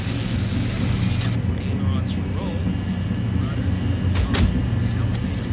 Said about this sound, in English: This airplane is powered by a Saxdrome R engine, producing a wing over right now, and it's flown with 4 channels.